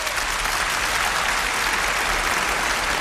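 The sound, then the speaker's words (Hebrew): A large audience at an Independence Day event in Jerusalem applauds stormily, a dense, steady roar of clapping that stays loud and unbroken throughout with no voices standing out. “ושוב, מחיאות הכפיים סוערות.”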